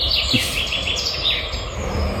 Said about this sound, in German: Specht und Käuzchen habe ich gehört, den Rest kann ich nicht identifizieren.